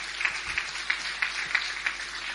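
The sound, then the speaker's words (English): An audience applauds steadily for a COASIT past president, a dense wash of many hands clapping with a faint rhythmic pulse of accented claps running through it, at moderate volume with no one speaking. “yes, big applause.”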